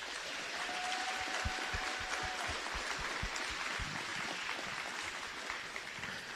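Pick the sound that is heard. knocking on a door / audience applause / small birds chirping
audience applause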